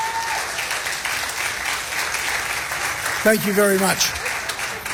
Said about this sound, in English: So once again, can I just give them a round of applause, please?